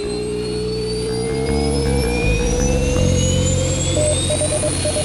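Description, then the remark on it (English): A steady, powerful roar of rocket engines, all running at launch, rumbles throughout, loud, with sustained tonal whines rising slowly overhead and a few short beeps near the end. No one speaks. “All engine running.”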